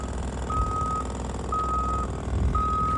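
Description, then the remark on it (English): Reversing beeps from construction tractors backing up as a crew paves the way for a new building near the VA clinic in Marina: three steady, evenly spaced high-pitched tones, each about half a second long, ringing out over a constant low engine rumble. “Jackhammers pound away and tractors back up as a construction crew paves the way for a new building near the VA clinic.”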